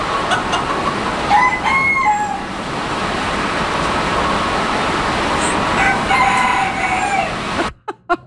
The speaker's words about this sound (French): Des animaux et de la pluie, c'est ça qu'on entendait, la forte pluie. Plus d'une centaine d'animaux se trouvaient ici. On a entendu les coqs cette fois-ci, mais il y avait aussi des pigeons, des lapins